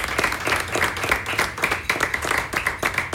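An audience applauds, a dense, steady patter of many hands clapping at moderate loudness that carries on evenly for about three seconds with no voices over it.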